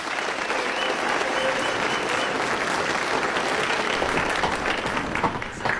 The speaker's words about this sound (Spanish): Un aplauso para el ganador de este hermoso ejemplar.